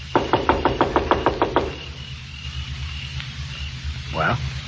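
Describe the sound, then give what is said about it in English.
A quick run of about nine sharp knocks on a door, evenly spaced and fairly loud, followed by quiet with a low steady hum underneath. “Now remember, I'll knock, the doll will answer, and then I leave.”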